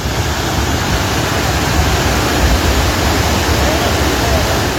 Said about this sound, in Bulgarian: Малко след 22 часа, минути след началото на бурята, от планината идва огромна приливна вълна, а река Шашка излиза от коритото си.